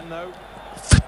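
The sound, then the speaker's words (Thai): A single sharp thud of a football being struck for a cross by Swiss player Widmer as Switzerland attack lands near the end, following a faint murmur of voices in the background. “เปิดนี่เสียงแบบนี้”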